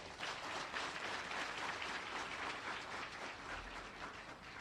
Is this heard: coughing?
no